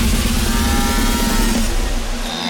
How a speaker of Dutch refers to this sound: De vraag is, van welke BN'er is nou die onsmakelijke boer? Luister nog even goed.